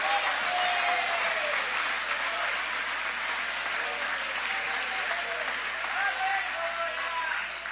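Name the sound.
audience applauding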